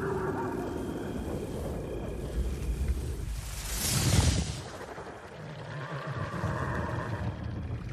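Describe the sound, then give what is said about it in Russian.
A white horse whinnies with drawn-out, wavering cries at the start and again near the end as it runs across fields, while a loud rushing burst swells in the middle over a steady rumbling background. “По полям носится белая лошадь.”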